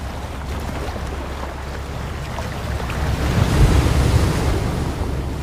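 Heavy waves of the Southern Ocean, on the high seas, churn and rumble under steady roaring wind, with a deep surge swelling louder partway through before settling into a constant wash of noise.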